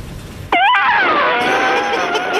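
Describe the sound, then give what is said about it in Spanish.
A person vocally imitates an elephant's trumpet: after a moment of low background noise, a sudden loud, high, brassy wail bursts out and holds, wavering slightly, for about two seconds. “Mira, va el elefante.”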